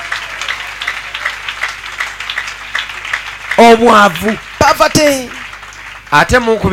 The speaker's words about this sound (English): Clap for him, please, because of me. Clap your hands.